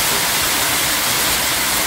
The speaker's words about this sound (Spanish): Uy, qué aguacero, loco.